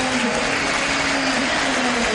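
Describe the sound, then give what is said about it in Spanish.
A stadium crowd applauds players Milton and Delgado in a steady, dense roar of clapping that holds at an even loudness throughout, with a low, constant hum running underneath and no clear voices. “Milton muy aplaudido. Delgado aplaudido.”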